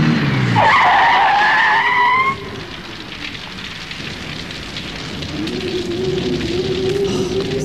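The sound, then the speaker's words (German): A car pulls up with a loud, high tire screech for about two seconds, then settles into a low idling engine hum over a steady rainy hiss. “Ja, da kommt ja noch ein Wagen.”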